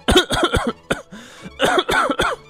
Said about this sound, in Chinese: 等加尼诺停下来的时候，马尔赛露出哭笑不得的表情，不停地咳嗽。